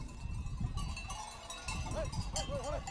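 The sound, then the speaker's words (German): A herd of sheep kept overnight in a pen at Kurzras, a ski resort at 2000 metres altitude, bleats repeatedly while bells clank and jingle steadily among the animals, with a dense, busy rustle of movement throughout. “Über Nacht bleiben die Tiere in einem Gatter, um sich für den nächsten Tag auszuruhen.”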